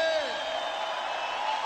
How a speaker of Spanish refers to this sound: Un grito de júbilo.